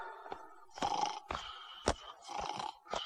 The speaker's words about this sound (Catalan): Si està roncant!